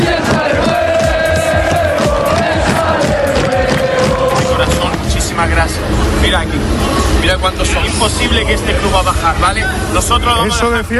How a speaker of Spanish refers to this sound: Bueno, ayer el Sevilla realizaba su último entrenamiento y la afición se volcaba para apoyar al conjunto de Luis García.